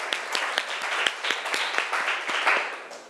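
A group of students applauds together, a dense patter of many overlapping hand claps with sharper individual smacks poking out, steady and fairly loud for about three seconds with no talking.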